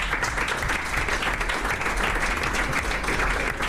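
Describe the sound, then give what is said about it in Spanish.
Steady crowd applause at Restaurante Olari, many hands clapping in a dense, continuous wash at fairly even loudness, with no distinct individual claps standing out. “Les damos un aplauso a ellos y a ellas.”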